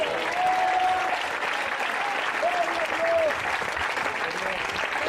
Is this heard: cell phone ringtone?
no